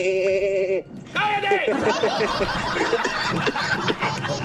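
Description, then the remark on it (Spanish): A person imitates a sheep bleating with two drawn-out, wavering calls, then breaks into snickering laughter mixed with lively, overlapping voices. “Tampoco te gustan las ovejas, viste que las ovejas hacen.”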